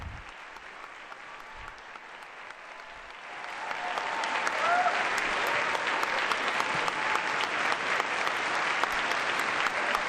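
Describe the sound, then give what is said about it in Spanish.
Applause and acclamation from a large assembly of participants at a meeting of the United Nations with the Pope (the Holy Father), dense and continuous, swelling louder after a few seconds and holding steady as a sustained wash of clapping with scattered cheers. “El aplauso que recibe al Santo Padre, esa gran aclamación de todos los participantes en este encuentro.”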